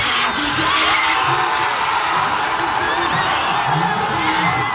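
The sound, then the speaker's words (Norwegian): A dense, loud crowd of Senegalese football fans in Dakar roars and cheers continuously during a match, with whoops and shouted voices rising out of the sustained wall of sound from start to finish. “Og da ble både håp og jubel skapt I Dakar.”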